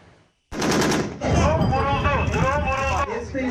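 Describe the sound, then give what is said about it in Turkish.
A loud, rapid burst of automatic gunfire from the Tolga air defense system, built by Machine and Chemical Industry against drones and kamikaze drones, erupts abruptly during a firing test in Konya, lasting under a second, then a voice talks over a steady, noisy background. “İHA saldırılarına karşı geliştirilen yeni nesil hava savunma sistemi Tolga, atışlı testlerde hedefleri başarıyla vurdu.”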